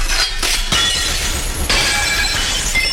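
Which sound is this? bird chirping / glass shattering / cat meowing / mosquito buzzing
glass shattering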